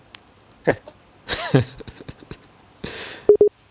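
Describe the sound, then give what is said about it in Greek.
A pair of short, clear call-waiting beeps on a phone call, signalling another incoming call, sounds near the end, following a few breathy, cough-like noises and rustles earlier on the quiet line. “Πάλι σε παίρνουν όμως.”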